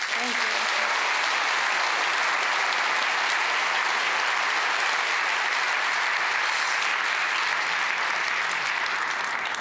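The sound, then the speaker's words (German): Sustained audience applause for the team of a short film at an awards evening, a dense, steady wash of many hands clapping at an even, fairly loud level for nearly ten seconds without pause. “Einen ganz großen Applaus und auch natürlich herzlichen Glückwunsch an das gesamte Team,”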